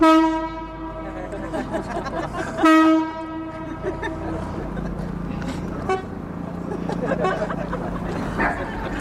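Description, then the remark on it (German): Sustained, reedy chords from a Chinese bamboo sheng mouth organ, played by Li Chen Li on a wooden canopied boat on the Spree and carried over the water to the audience on the quay wall, swelling in two long held tones before thinning into softer wavering notes over a steady outdoor background hum. “Der Klang ihrer chinesischen Bambusorgel Shen wird übers Wasser getragen zum Publikum an der Kaimauer, während das Boot sich langsam nähert.”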